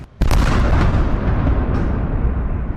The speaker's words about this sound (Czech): Tyto zvuky uslyšeli obyvatelé Oděsy po třetí ráno. Jsou sice zvyklí už na všechno, ale intenzita explozí i práce protivzdušné obrany sílily.